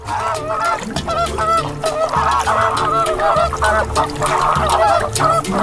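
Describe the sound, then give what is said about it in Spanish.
A large flock of pink flamingos honks continuously, with many overlapping nasal calls forming a loud, dense chorus. No one speaks. “El color se acumula en el cuerpo de las gambas y luego lo consumen las aves, que lo aprovechan para ponerse guapas de rosa.”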